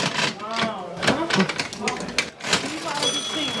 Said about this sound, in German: Neben der alten Waage auch die alte Registierkasse. Kannst du die immer bedienen für mich?